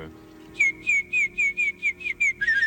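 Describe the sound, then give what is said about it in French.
A person whistles an imitation of a warbler's song: a steady run of about eight short, high, slightly wavering notes repeated in quick rhythm, with no talking over it. “Ah non, c'est la fauvette, monsieur.”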